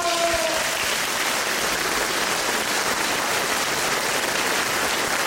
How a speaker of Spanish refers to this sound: ¡Aplausos!